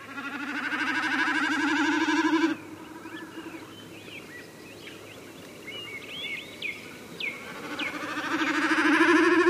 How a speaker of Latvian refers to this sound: ja no grāvju malas jums zem kājiem izšaujas brūns putns un aizlidos zigzagā, ziniet, tā ir mērkaziņa ceļā uz dienvidiem.